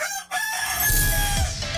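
A rooster crows loudly, a single drawn-out cock-a-doodle-doo with a bright, harsh, wavering tone that rises and then trails off.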